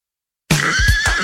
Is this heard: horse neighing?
yes